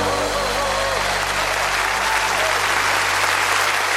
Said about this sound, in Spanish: ¡Oh, dale un aplauso al rey!